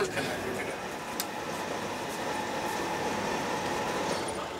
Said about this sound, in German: Schon die erste Etappe ist keine normale Fahrt. Mitten in der Nacht rollt der Zug auf eine Ostseefähre. 3 Stunden Überfahrt bis ins schwedische Trelleborg.